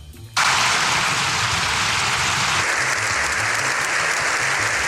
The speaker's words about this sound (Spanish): Siete minutos y dos segundos de aplauso sin interrupción es lo que duró la ovación al Papa tras el discurso.